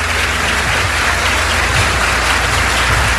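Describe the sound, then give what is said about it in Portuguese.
Steady audience applause fills the whole stretch, a dense, even wash of many hands clapping at a constant loudness with no voices over it. “Obrigado porque você foi na frente, tudo bem, aplauda isso.”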